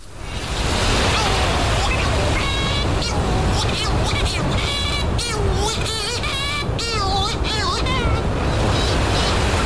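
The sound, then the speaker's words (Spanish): A constant roar of sea surf washing below a cliff, loud and unbroken, with many wavering, wailing shearwater calls rising and falling over it: a female incubating in a cliff-top burrow and a male arriving from the sea calling to each other. “Aquí está el sonido del mar entero en esta conversación.”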